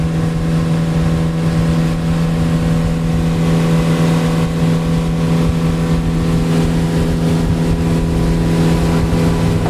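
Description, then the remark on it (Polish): A motorboat engine drones loudly and steadily on a river, its deep humming tone holding throughout with a slight push of power as the boat accelerates, with no voices. “Nawet nasz sternik miał dzisiaj problem, żeby znaleźć, jak, w jaki sposób, w którym miejscu płynąć do rzeki Acininga, ale teraz widzę, czuję się bardziej pewnie i przyspiesza. Dodaję gazu.”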